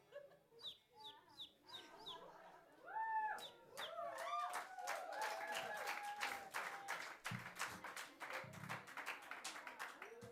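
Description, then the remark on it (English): A person imitates a bird with a rapid run of high, clucking chirps and squawks, fairly loud, while sharp clattering, clap-like noises build up behind the calls. “For our encore, we are going to make different animal noises for 5 minutes. This one is a bird.”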